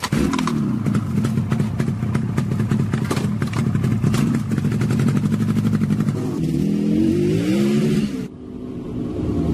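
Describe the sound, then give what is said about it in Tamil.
A motorcycle carrying two riders, heading to a seminar at JIPMER, runs with a steady, rapid putter, then revs up with a rising pitch as it pulls away, the roar dropping off abruptly near the end. “ஆமா ஆமா ஆமா, வண்டியில உட்காரு. சரி சரி சரி சரி, வண்டி எடுக்கட்டுமா?”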